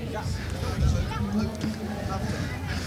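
A busy crowd of children chatters and calls out at once in a tent as some walk out of it, forming a steady, overlapping hubbub, with scattered movement and bumps mixed into the noise.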